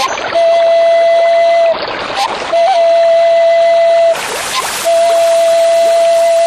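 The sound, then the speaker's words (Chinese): Water splashes and laps at the lake at Kanas in a few broad, rushing bursts, while a thin, steady high-pitched tone hums on underneath almost the whole time. “比如呀，风声呀，水声呀，各种各样的声音也有。”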